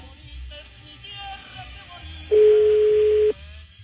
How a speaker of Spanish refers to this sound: A ver, vamos a ver. Estoy marcando otra vez a Don Tavo. La uno al aire, coquito. Está sonando el teléfono de Don Tavo.